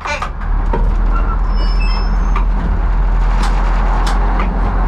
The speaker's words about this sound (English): The 40-ton train slowly rolls down the tracks of Prague's main station.